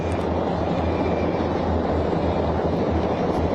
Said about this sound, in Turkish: İzmir semalarında. Efes 2026 tatbikatlarında 21 helikopter aynı anda nizami bir şekilde geçiş sağlıyor. Deniz kuvvetleri eş güdümlü halinde hareket etmişlerdi ve şu anda tatbikat alanına giriş yapıyorlar.